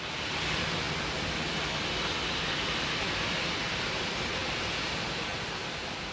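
water rushing

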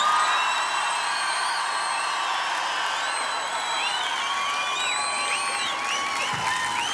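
crowd cheering and applauding

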